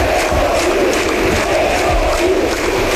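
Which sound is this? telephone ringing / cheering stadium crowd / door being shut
cheering stadium crowd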